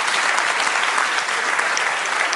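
Steady, loud applause from a crowd, a dense wash of many hands clapping at an even level throughout, with no voices standing out.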